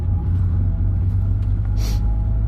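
A steady, deep engine rumble fills the cabin of an old car, older than its two occupants combined, being driven for hours through the middle of nowhere, droning continuously without a break, with a brief airy hiss near the end and no one talking.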